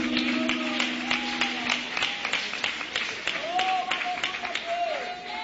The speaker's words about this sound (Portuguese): receber o grupo com palmas de vitória para Jesus?